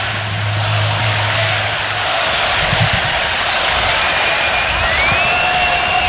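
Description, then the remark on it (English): A baseball stadium crowd roars in a loud, steady wash of noise that never lets up for the whole stretch, with a faint high whistling tone rising over it near the end. “Listen to this crowd.”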